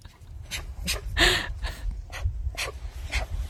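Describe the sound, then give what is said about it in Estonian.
A young brown bear cub's distress calls: a rapid series of breathy, panting huffs with one louder, strained whimpering cry in the middle, with no one speaking. “Need hääled tulevad hinge põhjast, kui ikkagi noor karu on kuhugi kadunud võibolla eksinud”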